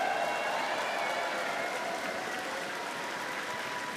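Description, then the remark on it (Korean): A large audience at an FEBC evening event claps steadily for several seconds to welcome Ed Cannon, president and CEO of FEBC USA, a dense, even wash of applause with no voices standing out. “다시 한번 박수 보내주시기 바라겠습니다.”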